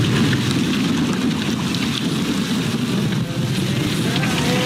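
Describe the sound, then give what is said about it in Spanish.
Heavy rain from a Mediterranean hurricane pours down on the city of Derna, Libya, in a dense, steady roar with a deep low rumble beneath it, loud and continuous throughout, with no voices. “Es tanta la lluvia que arrasa y ahoga la ciudad de Derna, rompiendo dos presas de cemento, rompiéndolas el agua y matando a 20.000 personas, que la gente ya no sabe a dónde huir.”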